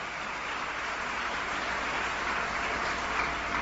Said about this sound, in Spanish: Denle un aplauso al Rey de Reyes y al Señor de Señores.